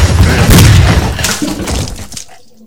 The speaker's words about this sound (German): Unglaublich. Erster Schuss in seinen Kopf hat ihn getötet.